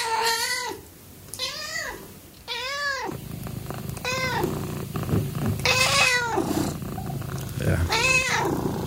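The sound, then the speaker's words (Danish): A cat meows about six times in drawn-out, rising-and-falling cries, fairly loud, while a low, steady purring rumble continues underneath for most of the stretch. “De spinder, de er søde, de er bløde. Vi taler naturligvis om katte”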